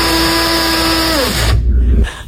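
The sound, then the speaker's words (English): A coffee grinder grinds coffee beans with a loud, steady motor whine, then its pitch sags into a rougher, crunching grind before cutting off abruptly, with no one talking. “That was a coffee grinder, which the part that really ground my beans, Lorena, she, along with you, drink instant coffee.”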